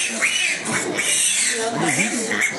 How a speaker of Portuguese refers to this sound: Juazeiro, lá da Bahia. Divisa com Petrolina, alimentando os porcos e leitões.